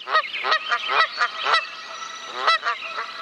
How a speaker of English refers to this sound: And Canadian geese are back in Manitoba. Sometimes aggressive encounters with humans are happening.